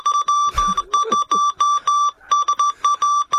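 Morse code beeps: a steady mid-high tone keyed on and off in a mix of short and longer bursts with uneven gaps, loud and continuous for a few seconds, with no voices.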